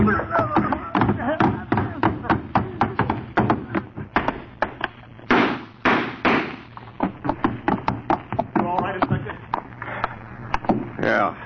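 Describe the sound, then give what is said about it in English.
A scuffle between two men as they tumble down stairs together: a rapid, uneven run of heavy thumps, knocks and bangs lasting several seconds, with strained vocal grunts mixed in. “You throw me down the stairs, and you're coming to it.”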